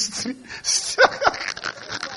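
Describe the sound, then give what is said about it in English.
A person imitates a streetwise dog with a voice, giving two short, sharp bark-like yelps close together midway through, surrounded by quieter growly vocal noises. “That one is a streetwise dog.”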